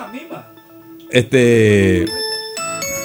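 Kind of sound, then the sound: signal or alarm, bell ringing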